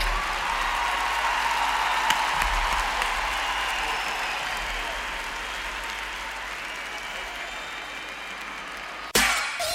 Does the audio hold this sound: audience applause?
yes